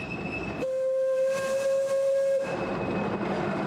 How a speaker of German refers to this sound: Wir sind unterwegs auf einer Waldbahn in den Alishan-Bergen. Die Dampflok ist nur noch selten im Einsatz.